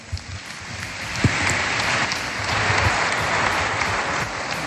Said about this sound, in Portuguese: Muito obrigada, …. Mais um aplauso para a ….